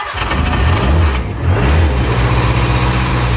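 A vintage Beetle car engine runs loud at a historic hill-climb event, revving up twice with a rising growl before settling into a steady, rumbling drone. No voices.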